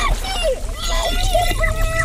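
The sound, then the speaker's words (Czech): Muffled underwater splashing and sloshing recorded with a hydrophone, an underwater microphone, with a dull, continuous low rumble, while indistinct, warbling voices drift through as if heard from beneath the surface. “Využili třeba takzvaný hydrofon, podvodní mikrofon, který dotváří atmosféru nebezpečí skrytého pod hladinou.”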